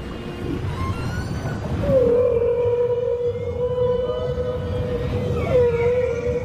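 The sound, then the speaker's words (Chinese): A humpback whale's long, wavering moan at a coral reef glides and holds steady over a low, rumbling underwater wash, fading briefly before rising again near the end, with faint higher whistles drifting above. “座头鲸的歌声始于珊瑚礁，珊瑚礁就像一座连通万里的世界之城，声音、气味乃至各种习性在数千千米之间往复交融。”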